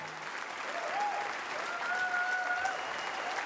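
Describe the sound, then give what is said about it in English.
A crowd claps steadily in sustained, even applause, with a few thin whistle-like tones rising above the dense patter of hands. “When the applause comes, everything just falls into place.”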